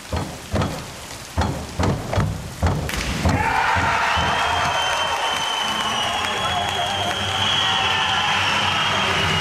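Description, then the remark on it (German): A few rhythmic claps or thumps lead into a sudden burst of loud crowd cheering and applause in the evening at the European Swimming Championships in Paris, a dense, sustained roar for synchronized divers Lou Massenberg and Jonathan Schauer from Halle. “So klang das am Abend in Paris bei der Schwimm-Europameisterschaft und der Jubel galt unserem Synchron-Wasserspringern Lou Massenberg und Jonathan Schauer aus Halle.”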